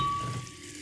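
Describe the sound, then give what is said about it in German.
A bottle of sparkling mineral water is opened, followed by a steady fizzing hiss of bubbles that fades slightly over a second, with no voices. “Und dann öffne ich das Ganze und...”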